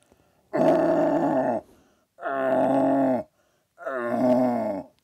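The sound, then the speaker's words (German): A deer-calling champion from Vorarlberg imitates a young stag's rutting call: three loud, drawn-out groaning bellows of about a second each, separated by short pauses, with no talking. “Er spielt mal vor, einen jungen Hirsch. Und jetzt der junge Hirsch und nachher der Blatthirsch.”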